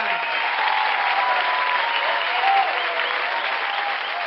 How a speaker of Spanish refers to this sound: Muchas gracias. Un fuerte aplauso a la Chiringuita.